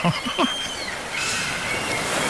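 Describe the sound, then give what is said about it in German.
A few short, sharp seagull cries ring out at the start, then fade into a steady wash of ocean surf at a beach that fills the rest of the moment. “Wir hören, wie die Möwen nicht zwitschern, sondern rufen, habe ich gelernt.”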